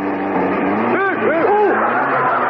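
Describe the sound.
An old car engine rumbles and revs up as the car is driven, its pitch climbing and dipping in quick surges, while muffled voices seem to carry over the motor noise.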